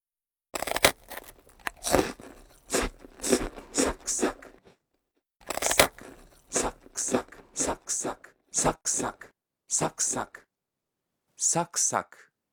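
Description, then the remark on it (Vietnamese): Loud, crisp, crunchy bites into crisp food, followed by a quick run of rhythmic chewing crunches. After a short pause, a second bite and chewing sequence. “Ngoài ra thì từ này cũng có thể được dùng cho tiếng ăn táo, bánh quy giòn hay những thứ tương tự.”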